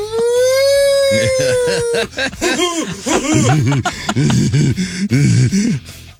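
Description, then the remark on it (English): A hand-cranked siren gives a steady, sustained wail for about two seconds, then fades out as loud laughter and animated voices take over. “Hurricanes, I gotta go crank the siren.”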